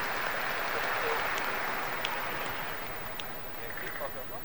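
A crowd applauding steadily for several seconds, the many overlapping claps blending into a dense, even wash of sound that stays fairly loud and tapers only slightly toward the end.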